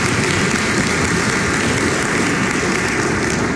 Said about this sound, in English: Let us give the Lord a hand clap of praise this morning.